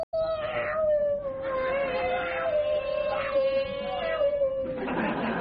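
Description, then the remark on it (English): A cat lets out one long, steady, drawn-out yowl lasting several seconds, imitating a Formula One racing car, a whining, engine-like drone with small pitch wobbles, fairly loud, ending in a brief rush of noise. “And finally, cats interested in Formula One.”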